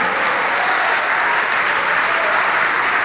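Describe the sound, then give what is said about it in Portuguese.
An audience applauds steadily, a dense, continuous wash of many hands clapping at an even, loud level for the whole stretch, with no voices standing out. “Venha, é isso, vamos aplaudir mais, vem.”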